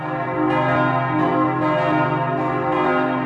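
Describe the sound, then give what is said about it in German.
Several bells of a Benedictine abbey church peal together in a dense, ringing wash, with fresh strikes landing every half second or so over a sustained, shimmering hum. Loud, with no voices. “Das glockenkundige Ohr hört, das Geläut hat Optimierungsbedarf.”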